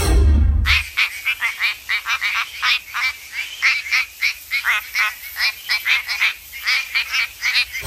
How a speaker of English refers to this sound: This is the quacking frog from WA. The quacking frog from WA.